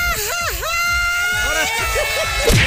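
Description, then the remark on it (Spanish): A woman's loud, high-pitched Mexican grito, a warbling, yodel-like shout with rising and falling trills, rings out over the murmur of a crowd. “Quiero un grito mexicano de mariachi.”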